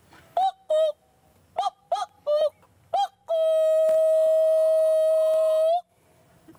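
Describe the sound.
A person imitates a cuckoo with a series of short, bright whistled calls, each a quick two-note pattern, then ends on one long, loud sustained whistle lasting over two seconds.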